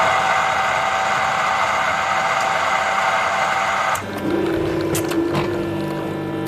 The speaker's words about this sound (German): Eine Kaffeemaschine mit Touchscreen, da bleibt kein Wunsch offen.